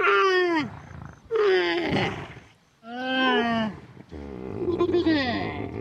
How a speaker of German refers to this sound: Ah, aber da ist ein Wasserloch. Da holen sich auch einige Tiere. Zum Beispiel die Kamele da hinten. Hört mal.